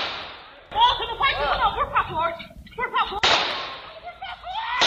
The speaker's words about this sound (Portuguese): Câmeras de segurança registraram o momento em que o pai e filho foram até a casa do agressor. De dentro do imóvel, Paulo Sérgio fez o primeiro disparo.